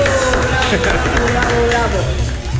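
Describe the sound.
Steady, loud applause and crowd noise fill the whole stretch, with voices cheering and talking over the clapping throughout, as a studio audience applauds a birthday celebrant on the program Cariño Show.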